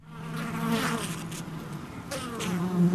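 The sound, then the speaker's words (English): A dense, steady buzzing of many honeybees at a hive entrance, their low droning wingbeats overlapping in a continuous hum with shifting pitch, no voices present. “Guarding the entrance to the honey factory.”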